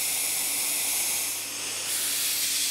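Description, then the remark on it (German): A foot-operated dentist's drill running into a model tooth gives a steady, loud, high-pitched airy hiss for nearly three seconds, dipping briefly in the middle. No one speaks. “Und ich darf jetzt am Modell ausprobieren, wie Bohren funktioniert.”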